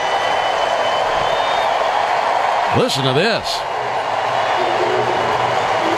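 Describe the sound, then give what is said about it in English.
A big baseball stadium crowd of Braves fans roars and cheers steadily as former Brave Marcell Ozuna, now with the Pirates, is introduced leading off, with a brief rising-and-falling tonal call sound effect cutting through the middle. A voice speaks briefly over the noise. “Marcell being introduced, and Braves fans reacting, and he takes off his helmet and shows respect to the crowd, holds his helmet up high, pats his chest.”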